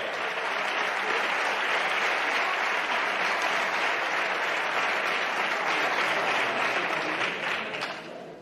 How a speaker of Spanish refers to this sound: ¡Un aplauso muy fuerte para ella! ¡Nuestra sub-12!